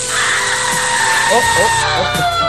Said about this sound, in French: Oh. Excusez-moi, j'ai dû me tromper, ça c'est le micro-ondes.